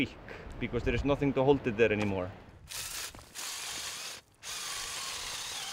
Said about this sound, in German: Aron bohrt neue Löcher, um für die Gruppen, die weiter hinauf wollen, Halteseile zu befestigen.